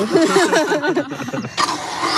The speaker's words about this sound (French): Vous avez une batterie sur le dos, en fait. Voilà, j'ai une batterie sur l'arrière de la ceinture. J'ai un petit moteur à la ceinture. Et donc, il y a un câble d'entraînement jusqu'à la fraise. Ouais, il s'amuse à m'attraper la fraise.